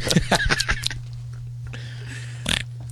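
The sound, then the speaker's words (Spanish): Someone chews a bite of cake with wet, smacking mouth noises: a quick run of five squishy clicks, a lull, then one last smack, over a low steady hum. “¿Por qué hace tanto ruido el masticar sin necesarias, no?”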